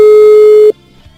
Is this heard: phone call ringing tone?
yes